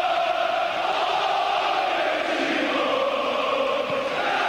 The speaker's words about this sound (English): A very jubilant, exciting, calm crowd here.